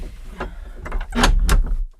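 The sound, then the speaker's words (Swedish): Sounds of a hallway door, with a gap between door and frame, being opened or closed: a sequence of rattling clunks and scraping knocks that build to two louder thuds near the end, with no one talking. “Det blåste in snö här i hallen, alltså från den här dörren.”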